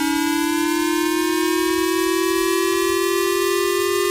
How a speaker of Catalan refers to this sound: Però després dèiem, al Japó tenen altres sons, no? El que escoltareu ara és el que se sent als telèfons mòbils quan hi ha un atac militar, per exemple, quan hi ha un míssil que ve de Corea del Nord i hi ha perill que, pum, caigui al Japó.